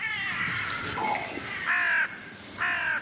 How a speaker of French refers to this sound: Et vous, sauriez-vous faire la différence, à l'oreille, entre deux corneilles ?